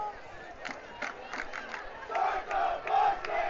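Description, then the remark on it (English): A high school football game's student section crowd at BCHS chants "Star the Buses" in unison, a dense roar of many voices rising and falling in rhythmic surges, growing louder in the second half. “Student section doing their classic. Chanting the Star the Buses.”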